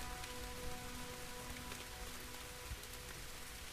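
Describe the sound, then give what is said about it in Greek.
Steady rain, falling all day during the fifth stage of a 578-kilometre running race, patters on a hard surface: a dense continuous hiss with scattered sharper drops, constant throughout, with a faint low hum underneath and no voices. “Και η βροχή κάπως άλλαζε τα δεδομένα.”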